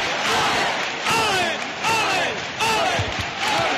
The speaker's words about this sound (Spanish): La gente en el interior del santuario no para de aplaudir. Ahora vemos el sin pecado de frente a la Virgen del Rocío. Comienzan los vítores.